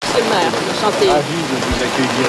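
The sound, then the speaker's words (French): Steady rain hisses outdoors at the Place du Québec in the 6th arrondissement of Paris beneath indistinct voices talking, as Quebec premier Christine Fréchette is received there, a continuous wash of falling water with no pauses. “En mission à Paris, Christine Fréchette est reçue sous la pluie à la place du Québec par le maire du 6e arrondissement à la veille de sa rencontre avec Emmanuel Macron.”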